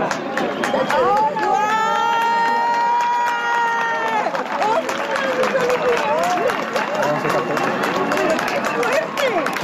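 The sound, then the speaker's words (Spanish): A crowd cheers and shouts excitedly as the moon fully covers the sun during a solar eclipse, revealing the solar corona, with sustained high voices and whoops rising over a dense bed of clapping and babble that stays loud throughout. “se vivió ayer cuando por fin la luna tapó por completo al sol, dejando entrever solo esa corona solar que arrancó gritos de emoción y aplauso. Lo volvemos a escuchar.”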